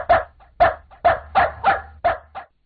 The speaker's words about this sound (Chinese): 我一直在训练我的狗，让它在想吃东西的时候先叫三声。